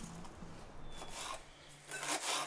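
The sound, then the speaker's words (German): Rasping knife strokes against a cutting board as onions are diced into small cubes for a vegetable lasagne, with a couple of longer scraping bursts and no one speaking. “Die Zwiebeln in kleine Würfel für die Gemüselasagne.”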